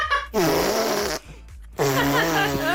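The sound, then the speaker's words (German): A young girl blows two loud, buzzy raspberries against her arm with her mouth, each lasting close to a second with a brief pause between them, with no talking. “Papa, soll ich mal mit meinem Mund auf den Arm pupsen?”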